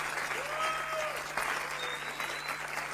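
A crowd applauds steadily throughout, a dense wash of many hands clapping with no break, with a faint steady hum underneath.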